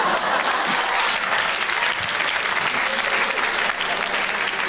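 An audience at a stand-up comedy show claps steadily for an audience member celebrating her birthday, a dense, even wash of applause that holds at a constant loudness for the whole stretch with no voices rising above it.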